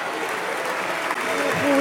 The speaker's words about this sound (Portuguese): Ruído e palmas do PSD, palmas da IEL, palmas do CDS.